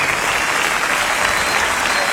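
A crowd claps steadily and loudly, a dense, continuous wash of applause with no pauses, holding at an even level throughout the short stretch.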